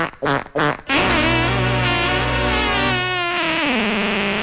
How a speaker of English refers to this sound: I know exactly what to do. Let's try that on the fart setting.